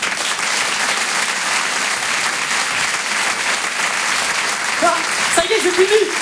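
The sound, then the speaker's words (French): Steady, dense audience applause for a performer fills the whole stretch, a broad wash of clapping at a fairly even loudness, with a host's voice briefly cutting through near the end asking the audience to applaud loudly. “mesdames, messieurs, on peut l'applaudir très fort.”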